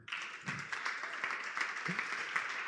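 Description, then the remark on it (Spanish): A church audience at a discipleship service gives sustained applause, a dense steady wash of many hands clapping with a few sharper claps poking through, holding at an even moderate loudness throughout. “Dese otro aplauso.”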